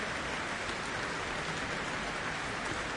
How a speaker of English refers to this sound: The soloist was Serena Wang, performing with the Shanghai Symphony Orchestra and conductor Long Yu. Earning a very warm applause here for the cultural exchange gesture.